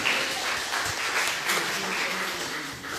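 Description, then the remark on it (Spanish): Steady applause from an audience at a quiz contest, a dense, continuous patter of many hands clapping at an even level for a few seconds, with faint voices mixed underneath. “¡Un aplauso!”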